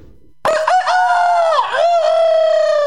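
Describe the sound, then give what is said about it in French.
A rooster lets out one loud crow that starts abruptly after a moment of quiet, its strained, wavering call stretching out for a couple of seconds with no one talking. “Je vais vous raconter l'histoire d'un coq dans une basse-cour qui se regardait dans un miroir au moins 50 fois par jour.”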